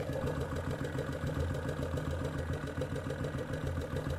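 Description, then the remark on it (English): A motorcycle engine idles steadily, its low, throbbing pulse sounding hollow and resonant as heard through the airbox, resounding up through the carburetors, with no voices. “I don't know if you can hear the air, but you can definitely hear the sound of the engine resounding all the way up through the carburetors into the airbox.”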